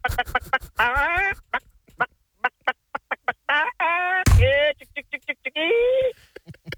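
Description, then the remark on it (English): A voice imitates a chicken, with quick clipped clucks broken up by longer squawking bawks, fairly loud for several seconds, plus one sharp thump partway through. “Right, we got the chicken gags going.”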